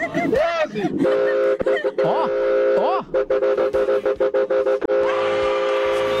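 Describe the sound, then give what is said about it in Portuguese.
A loud car horn blares in long multi-tone blasts, then honks in a quick rhythmic series before holding again, while voices shout and talk over it. “Vai, buzina aí, vai.”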